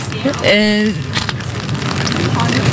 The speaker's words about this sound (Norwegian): Vi hører det knitre litt i paraplyer der, men folk lar seg ikke skremme av regnet som nå faller over Oslo. Det virker på ingen måte som folk lar seg skremme av regnet.